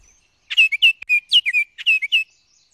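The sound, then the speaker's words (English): A male oriole sings two quick bursts of clear, fluting whistled notes, separated by a brief pause. The song is bright, with no voices or other sounds around it. “Listen for their ever-cheerful song anywhere with some deciduous trees right now, especially near water.”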